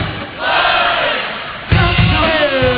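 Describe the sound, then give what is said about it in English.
A large crowd shouts the name of the winner of a competitive semifinal battle together in loud, sustained unison, a wall of voices swelling briefly and then surging again in a second burst, energetic. “Crowd, help me out. Who's moving on to the championship?”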